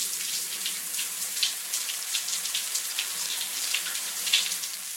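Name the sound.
shower running water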